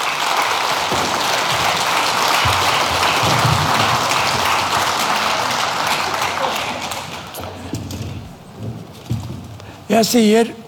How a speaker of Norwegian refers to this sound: Så en stor takk til koret, musikere og hjelpere. En god applaus til folkens.